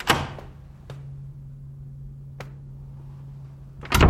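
A door off a hallway is opened, with a few sharp latch clicks and knocks spaced out over several seconds above a low, steady hum, ending in a louder clunk.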